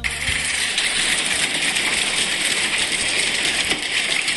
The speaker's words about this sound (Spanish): Sí, acá me están mandando a videos, granizo en Belville, empezó en seco, a ver.